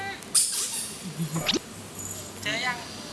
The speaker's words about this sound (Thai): เอาลูกเป็ดพลาสติกไปซ่อนและบีบให้มีเสียง